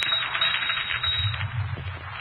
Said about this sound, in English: Look. See what it's doing? Underlining those words. You doing that? God, I tell you, look, I said I didn't write it, and the typewriter just said, no, I did.